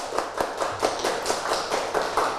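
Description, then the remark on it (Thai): A group of children in a class clap their hands for the second group, a quick, uneven patter of sharp bright claps, steady and fairly loud for a couple of seconds with no talking. “เด็กๆประมือให้กลุ่มที่2ค่ะประมือให้กลุ่มที่2ประมือให้กลุ่มที่2ค่ะ”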